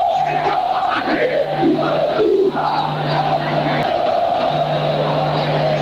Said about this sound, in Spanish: Terrible. Como lo insultan el presidente de Independiente de Avellaneda, todo el estadio, 2-0 lo gana Gimnasia.